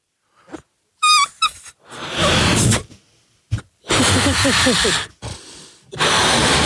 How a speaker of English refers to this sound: Is this harder to blow up than the balloons used to be? Go on, try. I haven't blown up a balloon for a long time.